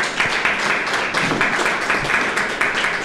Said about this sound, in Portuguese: As palmas aqui não é só pela fala da nossa painelista, é por aquelas mulheres que montaram o projeto, que você aqui na mesa está representando.